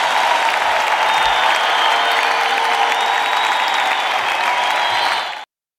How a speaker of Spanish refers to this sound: Denle un fuerte aplauso también a esta magistral orquesta. Muchachos.